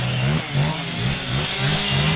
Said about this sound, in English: Located just behind a car dealership, a cacophony of chainsaws hangs in the air.